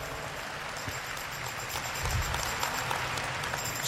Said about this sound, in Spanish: Dele un aplauso al Señor que nos enseña tanto.